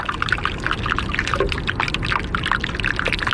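Iceberg ice popping and fizzing as air bubbles, trapped by a snowstorm before the founding of the country, escape: a dense, steady crackle of tiny sharp pops, with a faint watery hiss underneath and no voices.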